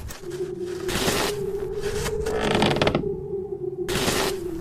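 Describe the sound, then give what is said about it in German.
An old man pushes snow with a shovel in three rough, hissing strokes spaced a second or so apart, over a steady low hum. No one speaks. “»Ach, es ist ja nur der alte Leo. Schiebt wieder Schnee.«”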